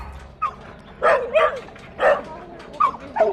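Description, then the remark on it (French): A young Staffordshire bull terrier at an animal shelter, seized from its owners and now up for adoption, barks about five times in short, irregular bursts, fairly loud, with no one talking over it. “Le jeune Staffy qui est ici a été réquisitionné à ses propriétaires pour diverses raisons.”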